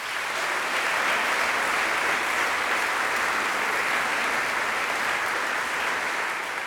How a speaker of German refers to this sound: Einen großen Applaus für Tara Luise Wittwer und Dr. Katharina Wessemann.